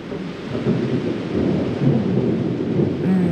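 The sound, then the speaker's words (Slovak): Steady, heavy rain pours down while deep thunder rolls and rumbles underneath, filling the whole stretch with a dense, continuous roar and no voices. “Máš rada dážď?”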